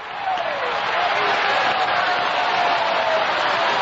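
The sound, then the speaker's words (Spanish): An audience applauds in a dense, sustained wash of clapping, giving a big ovation for Jesus Christ. The clapping holds steady and loud for the full few seconds, with no distinct individual claps standing out. “Una ovación ahí grande para el grande de los grandes, Jesucristo.”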